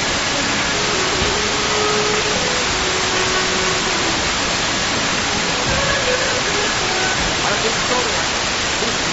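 A steady, loud wash of ocean waves roars continuously without pause, a dense rushing noise filling the whole recording, with faint voices barely audible underneath.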